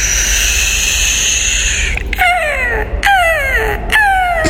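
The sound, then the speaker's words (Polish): Three sharp, downward-sliding seagull cries ring out loudly in a steady rhythm, after a couple of seconds of constant humming background noise. “To jest mewa zamknięta.”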